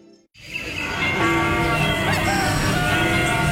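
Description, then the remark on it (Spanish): A rooster crows in Jutiapa, Guatemala, amid a busy, dense farmyard backdrop of other birds and animal noise, starting abruptly after a brief silence and staying loud and steady throughout. “Un gallo cantando en Jutiapa, una marimba en Quetzaltenango, una puerta que se abre en La Antigua, alguien diciendo ¡buenos días!”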